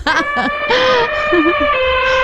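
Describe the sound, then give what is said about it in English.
A person loudly imitates an elephant's trumpet with a blaring, brassy call in several bursts. The pitch wavers and bends over about two seconds, with no other talking. “Come on, let's hear the elephant.”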